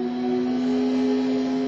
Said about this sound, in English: Progress is the sound of a motor,